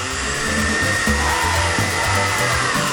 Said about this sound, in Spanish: Viernes de batidora olímpica.